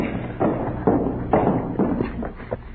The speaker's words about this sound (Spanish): ¿Oyes? Ay, uno de a caballo. Pero Porfirio no tenía caballo.